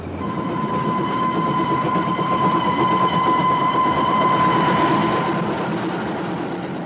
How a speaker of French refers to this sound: Insensiblement, le train s'ébranle, avance, s'en va enfin, puis court et fonce.